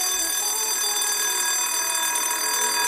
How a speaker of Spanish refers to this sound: Demà, esclar, sonarà això. Bé, això és el timbre de l'escola.